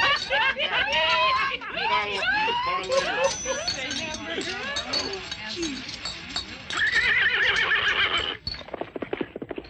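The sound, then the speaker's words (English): A horse whinnies loudly with shrill, warbling neighs, while hooves clip-clop in a quick, steady rhythm that carries on and then drops off as the horse moves away. “Hey, Roy, someone just stole your horse.”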